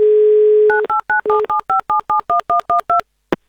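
A steady dial tone gives way to a quick run of about twelve evenly spaced two-note touch-tone beeps as an Avtoradio presenter dials a listener for the radio game 'Mnogo deneg', ending with a short click.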